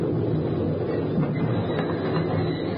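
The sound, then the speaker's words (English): A train rumbles into a station and comes to a stop, a steady, dense, low roar of wheels and rail noise, with faint metallic clatter and no voices. “As the train moved into the station, I rolled and pinned myself tight under the concrete ledge as the wheels came to a stop, now 3 inches from my face.”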